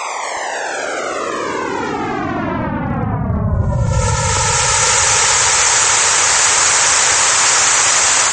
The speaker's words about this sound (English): A picture made with this radiation revealed enormous sound waves moving through the hot gas of the young universe. And from these observations, Whittle simulated the crescendo of the Big Bang.